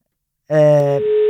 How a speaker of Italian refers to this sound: Scusate, vi faccio sentire anche lo squillo così siete partecipi di tutti i particolari di cronaca, ecco.